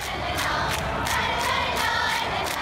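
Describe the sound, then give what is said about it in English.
A large North Korean cheering squad chants in unison at a steady, loud level, with sharp accented beats landing in a quick regular rhythm, like a drilled squad keeping time together, at the 2018 Winter Games. “We have a cheering from the North Korean side. I think this is from the 2018 Winter Games.”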